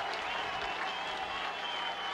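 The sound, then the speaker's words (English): A big crowd at a baseball game in a ballpark with no wind claps and cheers steadily, a dense, continuous roar of applause, with no break or single clear voice standing out. “Crowd caught its breath, rested their hands, and now they get loud again.”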